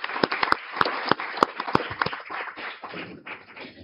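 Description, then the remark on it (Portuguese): An audience at a solemn session in a state legislative assembly claps in applause after a video from ABEM, a dense patter of hand claps with several sharp, louder claps standing out early on, then thinning slightly toward the end. No one speaks over it. “Salva de palmas.”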